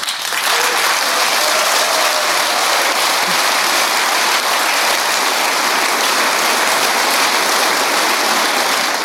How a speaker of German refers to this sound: Ja, der wird also geklatscht von der ersten Reihe der SPD hier in der ersten Reihe beim DGB-Versammlung.